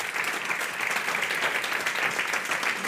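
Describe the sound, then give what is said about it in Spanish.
An audience at a tribute claps steadily for the honourees and their family, a dense, sustained patter of many hands at a constant loud level, with no voices breaking through. “Un aplauso para vosotros y para la familia.”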